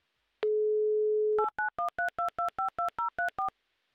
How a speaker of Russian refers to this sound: ну даже не дышала, пока набирался номер, чтобы не сбить ни в коем случае данный набор. Будем ждать соединения с Барнаулом